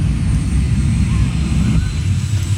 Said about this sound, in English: Jet bike, jet car, jet something.